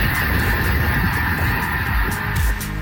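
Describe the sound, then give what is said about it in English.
A dense chorus of snow geese honking as they fly in Alberta, many overlapping calls forming a continuous, raucous din that sounds like a large flock passing overhead, with no voices. “Those are apparently some snow geese flying in Alberta.”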